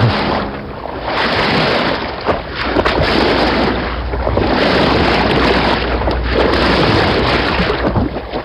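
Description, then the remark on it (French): Steady, loud wash of wind and churning water on the deck of the boat Bateau Labo crossing Paris on the river in October 2025, with a low engine rumble and gusts buffeting the microphone throughout; no one speaks. “octobre 2025, la filandrie traverse Paris. Sur le pont du bateau,”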